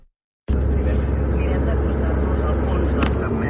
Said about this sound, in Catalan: Bé, aquest és un àudio que no sé si posaré, eh? En tot cas, ara estic al cotxe, estic arribant a Vic